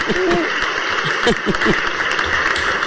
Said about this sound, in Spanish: Un aplauso para los dos. Anda, un aplauso y todo, ¿eh?